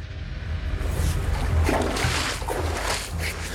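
Stream water flows steadily along a forest floor, a continuous rushing, babbling wash with a low rumble underneath and brief sloshing swells, with no voices.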